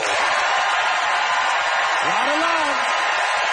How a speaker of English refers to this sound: It is time for our audience to vote by applause.